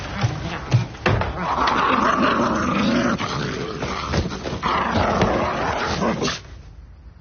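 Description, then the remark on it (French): A man imitates a dog, growling and barking in a rough voice for several seconds with a few sharper bursts, then trails off into near silence. “t'es plus un chien.”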